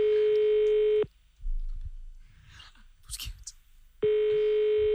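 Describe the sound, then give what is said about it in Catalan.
A phone line rings unanswered: two steady, buzzing ring tones about a second long, separated by a pause filled with faint rustling and soft murmured voices in the background. “Pots agafar el telèfon.”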